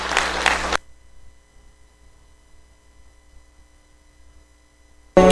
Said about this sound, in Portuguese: Amém, amém. Dê uma salva de palmas pro nome do Senhor Jesus.